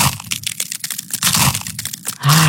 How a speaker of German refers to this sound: Eiswaffeln knuspern. Das ist so toll, das macht Spaß.